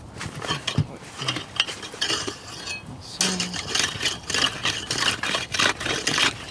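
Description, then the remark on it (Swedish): A saw rasps through ice only two to three days old, sawing open a small hole, in quick, rhythmic strokes, a harsh grinding scrape that starts unevenly and then settles into steady back-and-forth pulls. “Så ska se om jag kan såga upp det lite grann.”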